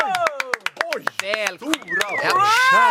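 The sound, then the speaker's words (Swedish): Applause from a studio audience: sharp, scattered handclaps ring out in a quick, uneven rhythm, mixed with excited voices and whooping cheers that grow louder and fuller toward the end. “Stor applåd, särskilt som du också applåderade själv”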